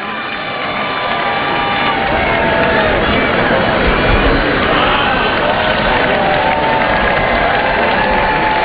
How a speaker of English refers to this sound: And if you look directly overhead, you'll be able to see them on their way to the home stretch here at Emerald Downs. How about a nice round of applause for our skydiving dinos.